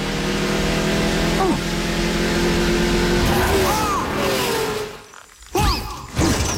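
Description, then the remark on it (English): A clip from the film Cars: a loud race car engine drones and revs with rising and falling pitch, then a sudden rough swerve and scraping impact as it goes into a cactus field, a brief near-silence, and a final burst of crunching noise. “Right into the cactus field.”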